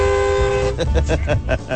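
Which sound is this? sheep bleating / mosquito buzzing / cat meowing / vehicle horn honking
vehicle horn honking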